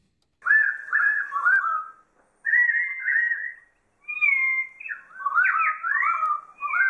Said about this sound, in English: We're looking for an Australian bird. It's one of those birds that you hear usually at the end of a day.